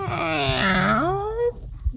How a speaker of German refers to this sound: Dazu muss ich nochmal das quietschende Mikrofon drehen.